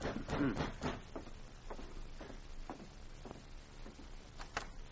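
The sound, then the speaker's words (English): A series of muffled knocks on the wooden door of a police cabin very late at night, irregularly spaced and fairly soft, with no voices present over a faint background hush. “It was very late, and the corporal had put his book aside and started to bed when there was a knock at his door.”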